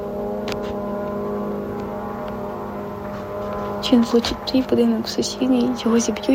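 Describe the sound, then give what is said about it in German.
A Shahed drone's steady, droning engine buzz holds a constant pitch for several seconds as it flies straight toward an apartment block; partway through, a person starts talking over the continuing hum. “Du hörst, wie die Shahed-Drohne direkt auf deinen Block zufliegt.”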